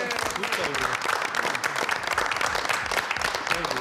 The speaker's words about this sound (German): Schön. Applaus.